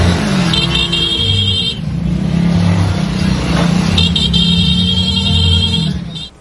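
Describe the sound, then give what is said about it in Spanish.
Loud engines of many motorcycles rumble and rev continuously in a dense roar during a funeral procession through the streets of northwest Veracruz, Mexico, with bursts of a high, steady whistling tone cutting in twice over the din before it fades. “Lo que ocurrió este jueves en las calles del norponiente de Veracruz no fue solo un cortejo fúnebre, fue una comunidad que se detuvo, que tomó sus motos, que acompañó a un hombre hasta el final del camino.”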